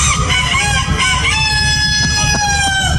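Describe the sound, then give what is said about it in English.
A contestant at a rooster crowing contest in a small town imitates a rooster's crow, a long, strained, high-pitched cock-a-doodle-doo held for about three seconds, loud and continuous, with harsh harmonic overtones and no other talking. “this is exactly the type of thing that would go on a rooster crowing contest.”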